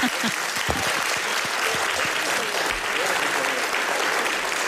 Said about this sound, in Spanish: te mereces un aplauso. Gracias.